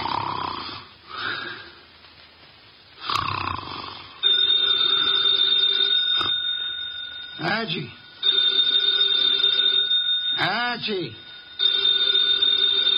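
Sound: telephone bell ringing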